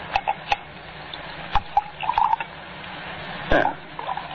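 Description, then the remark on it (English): A drink being poured into a glass, with light clinks and short gurgling bursts scattered across quiet surroundings; no one speaks. “Shall we have another drink? May I pour?”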